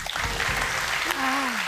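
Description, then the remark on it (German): Over a wash of applause-like crowd noise, a man imitates a red deer stag's roar in German deer calling (Hirschrufen), giving a short, low, droning groan that slides gently downward near the end. “Der hat in den letzten Jahren nämlich des Öfteren den deutschen Meistertitel geholt, weil er wahnsinnig gut ist, darin Hirsche zu imitieren. Das Hirschrufen.”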